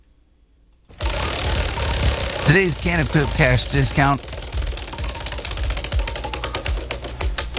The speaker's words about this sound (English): Let's spin the wheel.